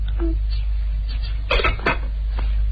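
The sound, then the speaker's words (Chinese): A spoon clinks against bowls in a few bright, quick taps as a spoonful of sugar is added to each bowl, with two clusters of clatter standing out over a low, steady background hum. “冰冰和喜宴的碗里又都加了一勺糖。”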